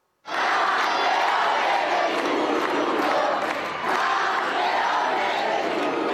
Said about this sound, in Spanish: Los dos han tenido una bienvenida llena de detalles y de aplausos. Pedro Porro ha vivido junto a su abuelo este preciso momento, arropado por sus vecinos de Don Benito en el polideportivo que lleva su nombre.